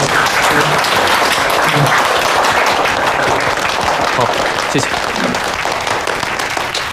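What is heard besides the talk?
audience applause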